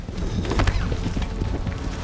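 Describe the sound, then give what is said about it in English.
Two stallions, a white one and a black challenger, fight, rearing, kicking and biting, with heavy thuds of hooves, scuffling and grunting snorts in a dense, continuous burst of struggle; no clear neigh stands out. “Then both horses rear up and swipe at each other.”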